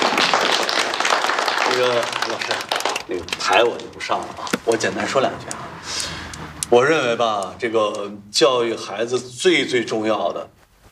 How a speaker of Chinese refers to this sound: 啊，那你就给大家讲一下，大家掌声欢迎。